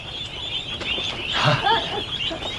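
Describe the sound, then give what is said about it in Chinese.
A few ducks quack in short, nasal bursts, clustered near the middle, over a steady outdoor hum of insects or rural ambience. “鸭子怎么了？”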